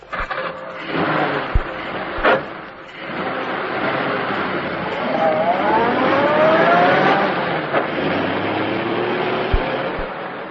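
A new car's engine turns over at midnight after two men push it down a sloping road, then runs with a steady rumble and revs with a rising whine as it pulls away. A few sharp knocks sound at the start and end. No one speaks.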